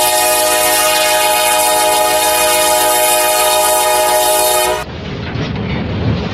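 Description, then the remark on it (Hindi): A loud, sustained train horn blares with a rich stack of harmonics for about five seconds, then cuts off, leaving the rumbling, rattling clatter of a train moving away from Baroda station. “गाड़ी बड़ौदा स्टेशन छोड़कर आगे बढ़ रही थी।”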